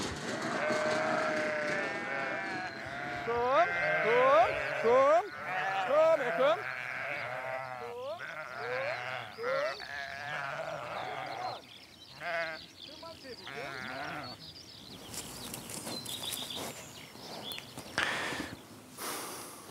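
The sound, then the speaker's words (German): A flock of sheep bleats repeatedly, overlapping wavering calls of varied pitch rising and falling, with some shuffling and rustling noise toward the end. “Über Kommunikation kann man von Schafen ganz, ganz viel lernen, weil sie sind ja auch soziale Tiere, so wie wir, das kann man schon mal so sagen.”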